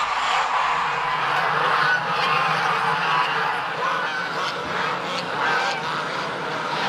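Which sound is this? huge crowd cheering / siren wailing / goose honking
goose honking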